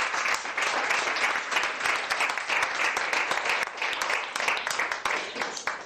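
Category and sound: crowd, audience applauding loudly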